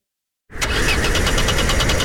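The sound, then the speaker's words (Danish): A car engine cranks over and over in a fast, steady rhythm without catching, loud, after a moment of silence. No one speaks. “Efteråret og vinteren kan være hård ved bilen. Med bilforsikring og vejhjælp fra GF får du hjælp, når bilen ikke vil videre.”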